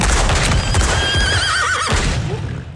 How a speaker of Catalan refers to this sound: Hi ha cavall! Animal!